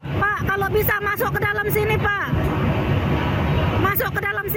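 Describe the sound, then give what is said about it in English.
Crew on a rescue boat shout and call out loudly to a jam-packed lifeboat from a ferry that caught fire between Bali and Lombok, Indonesia, over the steady roar of a boat engine and rushing water: a burst of calls, a pause of engine noise, then more shouting. “Crew on a rescue boat call out to a jam-packed lifeboat.”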